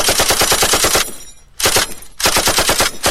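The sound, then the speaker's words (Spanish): A machine gun fire sound effect: rapid bursts of loud sharp repeated shots in a steady rhythm, broken by a brief pause before a second and third volley with no talking. “Le ponemos la metralla.”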